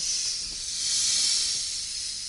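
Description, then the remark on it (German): A swamp adder, a venomous snake of India, gives a steady, airy hiss that runs unbroken for a couple of seconds, swelling slightly in the middle before easing off, with no voices present. “Eine Sumpfkobra.”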